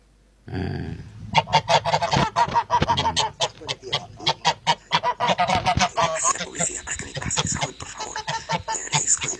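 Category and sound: bird, goose honking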